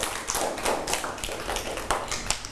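A group of children in a class clap their hands for a classmate's artwork, in a loose, uneven patter of overlapping claps that continues steadily for a couple of seconds, with no one talking.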